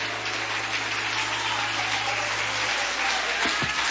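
A church audience applauding to glorify God, a dense, continuous wash of many hands clapping at an even loudness, with a low hum running underneath and no voices standing out.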